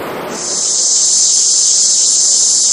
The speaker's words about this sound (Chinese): 这夏天知了来了， 蝉鸣声， 蝉鸣声。